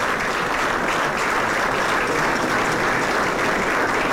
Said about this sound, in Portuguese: Uma salva de palmas neste momento.